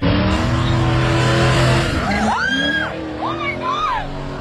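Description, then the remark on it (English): A car engine roars loudly, then tires squeal in several long, wavering screeches as the vehicle skids and spins during stunt driving on Kenmount Road, with no one talking. “That is stunt driving.”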